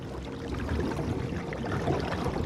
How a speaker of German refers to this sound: Ja, da im Wasser. Das waren Karpfen. Um die Zeit kommen die in Ufernähe.